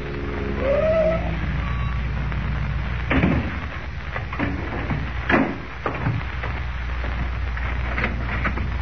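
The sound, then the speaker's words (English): A car borrowed from Graham and driven by Clark Kent rolls up in the morning before the real estate office of Ed Jenks with a low engine rumble and a brief squeal of brakes, then comes to a stop amid a few sharp clicks and knocks, over a steady background hiss. “The following morning, before Lois and Jimmy awaken, Kent, in a car borrowed from Graham, pulls up before the real estate office of Ed Jenks.”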